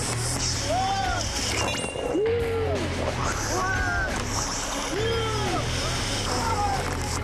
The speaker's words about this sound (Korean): 보트를 통째로 집어삼키는 급류 앞에서 저 역시 속수무책이 되어버립니다.